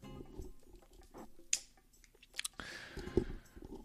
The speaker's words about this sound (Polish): Kurde, żadna zapalniczka już nie działa, no nie mogę sobie papierosa odpalić.